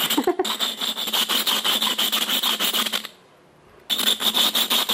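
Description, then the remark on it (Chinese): Loud grinding of the glass lid of a handmade teapot after firing, a job said to take about 40 minutes: rapid back-and-forth abrasive strokes with a harsh, hissing rasp, stopping briefly for under a second before resuming at the same pace. “所以一只茶壶要制作，你看从创作做成一个形之外，你去烧3-4天，然后呢出来以后，我刚刚还要打磨，还要磨这个盖子，我说这个玻盖子要磨个40分钟。”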